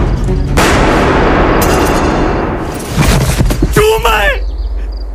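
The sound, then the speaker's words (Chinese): Loud bursts of gunfire from Japanese shooters in a village crack out in a dense, ongoing volley, with a fresh burst near the middle, and a man's raised voice cuts in briefly toward the end. “寨子那边在打枪，听这个声音是南部社死哪样？”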